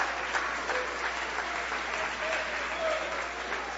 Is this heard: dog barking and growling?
no